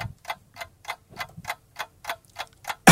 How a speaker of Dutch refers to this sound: Oh, tijd is op, jammer. Nee, wacht even. Met een nieuwe klok.